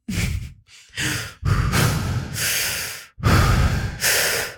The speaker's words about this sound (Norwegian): Det første er at du skal puste før kaffe, 3 dype pust med åpne øyne.